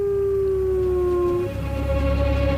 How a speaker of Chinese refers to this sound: 牧白狼饥饿难忍，他嚎叫着呼唤配偶，但这是一个错误的做法，嚎叫声暴露了他的位置。